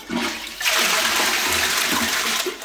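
A toilet flushes with a sudden loud rush of purified water that holds steady as a broad hiss and gurgle, no voices present.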